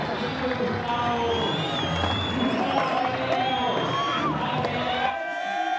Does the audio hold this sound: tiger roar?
no